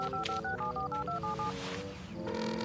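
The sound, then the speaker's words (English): A rapid sequence of about ten short, bright two-tone beeps from a phone keypad being dialed to call the Discovery Mountain Police Department, clear, followed by a steady tone as the call connects. “Come on now, Officer Lewis, pick up.”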